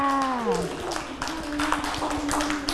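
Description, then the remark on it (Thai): Children clap for themselves after reciting a rhyme about trees, an uneven patter of many hands that keeps going for a couple of seconds, after a brief gliding voice at the start and with faint voices mixed in. “เก่งมากค่ะเด็กๆปรบมือให้ตัวเองด้วยค่ะ”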